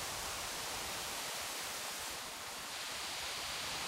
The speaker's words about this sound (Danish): Mærk, hvordan havets bølger bringer os hen til musikkens toner.